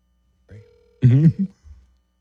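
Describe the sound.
A single short ringback tone from a phone line during an outgoing phone call, steady and fairly faint, then cut off by a brief, louder voice-like burst.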